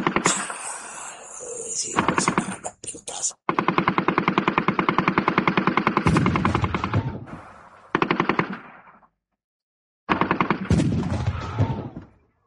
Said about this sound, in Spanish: Se frenó, pronto frenamos, se inició un tiroteo intensísimo. Cosa de segundo, tira la carga.